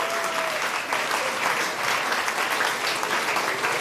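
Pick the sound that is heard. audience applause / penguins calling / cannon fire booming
audience applause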